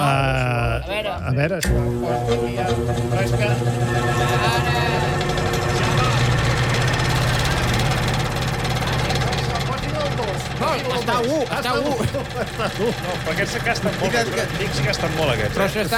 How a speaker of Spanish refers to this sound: us he portat aquest ventilador perquè us pugueu concentrar i no baixi el vostre rendiment, que això és important.